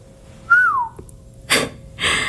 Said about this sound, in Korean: 야, 진짜 초인으로 오해 살만 했네. 지우가 휘파람을 불며 말했다.